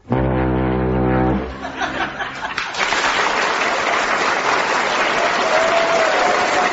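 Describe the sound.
A man from Norwich, an impressionist performing an act on a show, mimics a deep, droning foghorn blast lasting about a second and a half, followed by loud, sustained applause from a studio audience.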